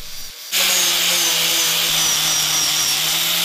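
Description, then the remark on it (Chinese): A power sander starts abruptly and runs steadily against a block of old golden-thread nanmu timber, sanding it to reveal the gold grain: a loud, continuous abrasive whir with a constant motor hum underneath, without any voices. “哎呀，打磨啊，这个 是金光闪闪的呢。”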